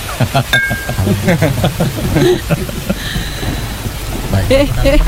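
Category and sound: nature, heavy rain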